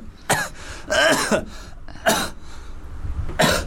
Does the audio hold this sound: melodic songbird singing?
no